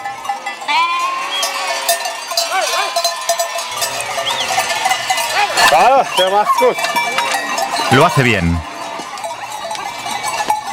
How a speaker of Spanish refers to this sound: Las ovejas parecen impacientes por subir la empinada pista de esquí.